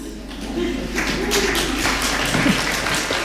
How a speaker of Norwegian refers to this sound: Ett litet yes I salen där och applaus årets Nobelpris I litteratur går alltså till Anne Carson från Kanada.